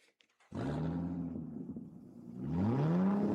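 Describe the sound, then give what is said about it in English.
A car engine starts with a loud, steady roar, then revs up sharply toward the end, its pitch climbing as the throttle opens, in a radio advert for Eden's Travels Car Rentals. Prominent, with no voices. “You like the sound of that, don't you? Well, that's what you get at Eden's Travels Car Rentals and Travel Services.”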